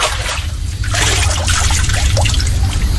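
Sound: water sloshing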